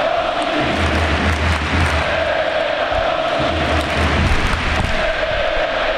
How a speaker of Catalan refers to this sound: Mentre la gent l'aplaudeix i li canta, escoltem el Camp Nou.